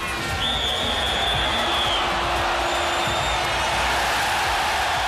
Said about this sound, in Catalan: Va ser a Espanya l'any 82, concretament a Valladolid, a l'estadi Zorrilla. França guanyava 3-1 a Kuwait. I ara sentirem el so d'ambient del partit. Primer se sent un xiulet i després, uns segons després, el públic celebrant un gol.